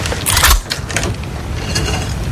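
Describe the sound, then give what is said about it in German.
A Walther pistol being cocked: a loud burst of metallic mechanical rattling, followed by a few sharp, brief clicks spread over the next couple of seconds, with no talking. “Das ist das Geräusch meiner Walter, die direkt auf Ihre Hoden gerichtet ist.”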